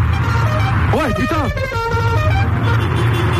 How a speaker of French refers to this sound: Putain, il y avait un mec qui est passé, t'as vu, dans les studios, en bagnole. Encore. Oh, il repasse. Bon, alors là, on a déjà une voiture qui a klaxonné pour de vrai.